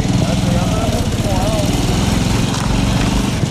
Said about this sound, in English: That night, we take a ride along the coast on a motorcycle, and the destruction is apocalyptic.